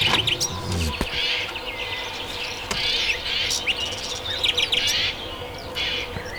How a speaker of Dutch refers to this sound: Tropische vogels? Nee, eigenlijk Duitse vogels. Dat was Garden Birds.